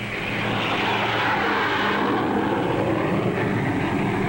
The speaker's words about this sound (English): Huge airliners carry into the sky each day an ever larger tonnage of cargoes and passengers. Jet propulsion has made possible extremely high speed.